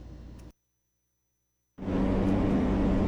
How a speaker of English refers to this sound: Ang drone, subong ang Amerika, may ara naman ginapalibugan nga aerosky drone, nano ining aerosky drone. Pwede siya ya, mangin nanay-nanay nga drone, magabit-bit sang iya mga bata nga drone nga ari pamatian ta.